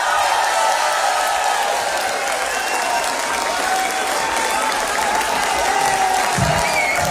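Loud, sustained audience applause fills the whole stretch, a dense steady wash of clapping with some crowd noise and faint cheering mixed in, holding an even level throughout.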